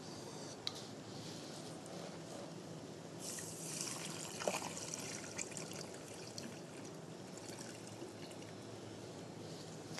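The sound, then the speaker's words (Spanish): Three cups of water pour steadily into a cooking pot holding quinoa, amaranth and diced sweet potato, a continuous splashing rush that swells louder midway and keeps flowing to the end, clear with no one talking. “Y lo último que le vamos a agregar son 3 tazas de agua.”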